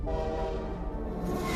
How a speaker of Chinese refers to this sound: 那天测试来的火车太快了，我没能换下工作服回家吃饭。